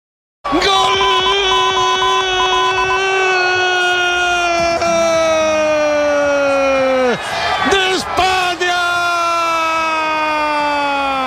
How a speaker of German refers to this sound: Nach dem Abpfiff kannte der Jubel in Spanien natürlich keine Grenzen mehr.